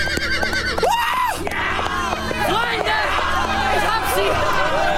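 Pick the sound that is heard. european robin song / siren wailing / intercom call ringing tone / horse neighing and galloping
horse neighing and galloping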